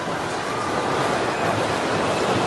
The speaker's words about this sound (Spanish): El ruido de que empieza a derrumbarse.